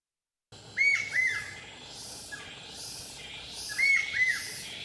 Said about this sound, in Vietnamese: Tiếng chim rừng vọng lại từ tán cây cao, những giọt sương cuối cùng của buổi sớm còn đọng trên lá. Con đường đất đỏ dần chìm vào màu xanh thăm thẳm của rừng già Con Ca Kinh.